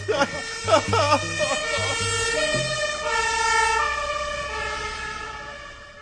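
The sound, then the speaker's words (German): An alarm siren, set off by pressing an alarm button, blares, opening with a few choppy, stepping bursts of tone before settling into a steady, sustained electronic wail that holds loudly to the end. “Aber du musst jetzt nicht den Alarmknopf drücken.”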